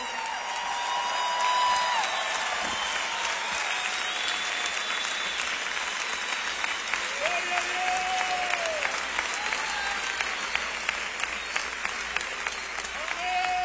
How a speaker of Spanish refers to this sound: Si va a aplaudirle, apláudale fuerte al Padre.